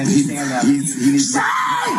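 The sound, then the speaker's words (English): A person being taken away by police screams and shouts in loud, strained bursts, voices rising and breaking over about two seconds, with a harsh, frantic edge and some background commotion. “So you can hear the screaming going on here.”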